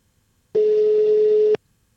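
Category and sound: signal or alarm, telephone ringback tone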